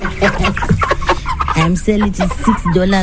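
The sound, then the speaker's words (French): Broiler chickens on a farm in the village of Machoka, Machingo province, cluck steadily in a busy chorus, 110 birds in two sizes, their short harmonic calls overlapping throughout alongside some human voice. “Je les vends 6 dollars le poulet.”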